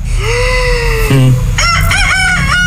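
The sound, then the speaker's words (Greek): A rooster crows loudly: a long drawn-out call followed by a warbling, wavering finish, set over a steady low background rumble. “Τι είναι αυτό? Ένα κόκορα.”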